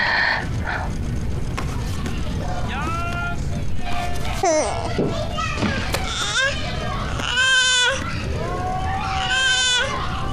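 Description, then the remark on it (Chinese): A newborn baby boy cries in several high, wavering wails, each bursting out and trailing off, with short pauses between them over a steady hum of background noise. “哎呦，这小猫头是刚出生啊？”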